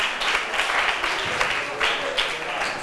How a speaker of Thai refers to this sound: ขอบคุณกลุ่มที่4ปรบมือให้เพื่อนหน่อยค่ะ